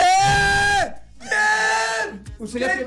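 Two long, loud, sustained screams of excitement from a man called by the Los 40 Caracol radio show, each held for nearly a second, followed by a shorter excited shout, unaccompanied.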